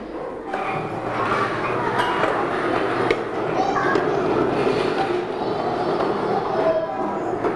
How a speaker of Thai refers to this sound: ถ้าเด็กๆพร้อมแล้วเดี๋ยวคุณครูนะคะจะให้เด็กๆยกเก้าอี้เก็บเข้าที่ค่ะเด็กๆใกล้กับโต๊ะตัวไหนเด็กๆเก็บได้เลย